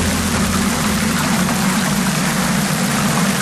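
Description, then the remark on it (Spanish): A dense, steady patter of hail pours down without a break in Castellfort, in the interior north of Castellón, Spain, in the afternoon, backed by a low, roaring rumble of wind gusting up to 68 km/h. The din stays loud and even throughout, with no voices. “Es el sonido del granizo caído ayer por la tarde en Castellfort, en el interior norte de Castellón.”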